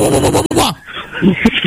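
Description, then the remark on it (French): A man imitates an enraged dog, barking a harsh growling burst followed by a couple of shorter, rougher yelps, fairly loud. “Faut aboyer plus fort, monsieur. Fais waf, waf, waf.”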